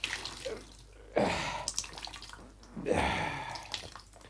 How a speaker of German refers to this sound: Und jetzt ist der Lumpen so voll Wasser, dass er kein bisschen Wasser mehr schlucken kann. Ja, ist ja schön. Gib her, dann wind ich ihn aus.